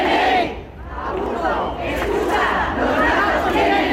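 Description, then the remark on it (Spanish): A crowd of protesters, a rally of a collective of feral cat colony caretakers on the steps of Bilbao City Hall on Sunday under the slogan "cats have law", chanting together in a loud, steady mass of voices, the shouted rhythm rising and falling with a brief dip before swelling again. “Concentración del colectivo de gestoras de colonias felinas. Bajo el lema, los gatos tienen ley, han querido denunciar la situación que atraviesan en toda España.”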